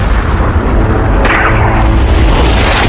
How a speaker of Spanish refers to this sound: Hablamos de armas nucleares del tamaño del Empire State, lanzadas desde el espacio, que detonaron a kilómetros de la superficie.